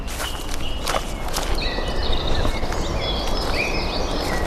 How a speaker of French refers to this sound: Qu'est-ce que vous entendez? Des bruissements de feuilles, il y a quelques chants d'oiseaux. Il y a une sorte d'apaisement.